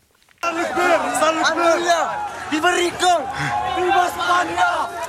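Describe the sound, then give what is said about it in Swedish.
A large crowd shouts and yells together in a dense, continuous, loud roar of many overlapping voices, with rising cries as people run at full speed toward a hill at the border of the Spanish enclave Ceuta in North Africa; several jump over a fence shouting "Viva España". “En stor folkmassa springer i full fart mot en kulle i ett videoklipp från nyhetsbyrån Reuters.”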